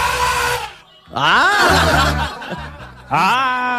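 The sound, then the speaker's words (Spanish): Loud elephant trumpeting sound effect for Maxito: three brassy, blaring bursts with swooping, sliding pitch, separated by brief gaps, with no one talking over it. “Cuando suena el elefante, porque suena Maxito ahí, ¿ah?”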